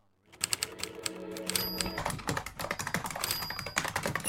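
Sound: typing on a keyboard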